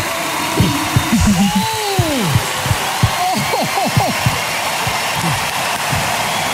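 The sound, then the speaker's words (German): A crowd at the Deutscher Radiopreis 2026 in Hamburg applauds in a steady, dense wash of clapping, with high swooping whoops and whistles rising and falling over it and brief thumps throughout. “Und hinter mir klatscht ganz Hamburg.”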